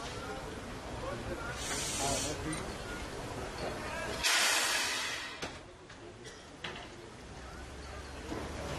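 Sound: steam locomotive hissing steam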